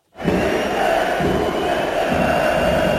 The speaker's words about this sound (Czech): Při rozcvičce se spustil na Matěje Juráska z kotle pokřik, který pokračoval vulgárními výrazy.